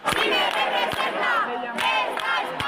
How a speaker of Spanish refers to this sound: Centenares de personas han improvisado pequeñas marchas, han avanzado una pequeña distancia de estas vías y rápidamente han regresado a la Puerta del Sol, donde siguen entonando las proclamas. Bueno, la acampada sigue, como estamos escuchando,